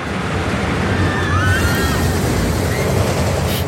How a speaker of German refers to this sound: Ja, das ist die neue Wasserachterbahn Donnerwind aus dem Freizeitpark Plon.